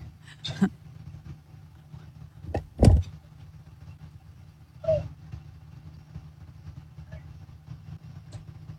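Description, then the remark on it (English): A pickup truck's engine rumbles low and steady as it backs into a driveway, with a few sharp clunks and thumps scattered over it, like doors or parts of the vehicle being moved. “caught the moment they backed their pickup truck into the driveway and started to get out and call it a night”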